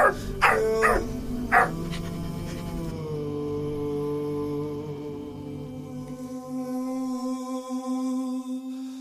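A dog gives three or four sharp barks in quick succession at the start, then falls quiet as steady, sustained tones carry on and slowly fade.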